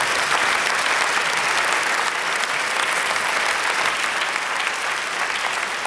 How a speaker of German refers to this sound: Nochmal einen großen Applaus für dich, Wolfgang. Ganz toll.